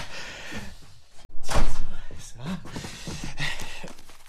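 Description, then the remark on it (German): A studio door at the NDR is pushed open with a single solid thunk, followed by rustling and handling noise while muffled voices murmur. “Hier ist das Studio. Tür auf.”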